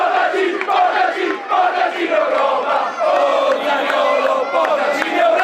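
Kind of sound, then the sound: crowd, football fans cheering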